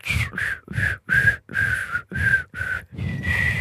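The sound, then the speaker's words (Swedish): A person whistles a short tune, a string of about eight clear, steady notes with brief breathy gaps between them, ending on a longer held tone. “Har du någonsin visslat så där bra?”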